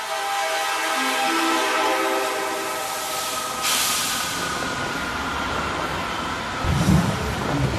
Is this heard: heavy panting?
no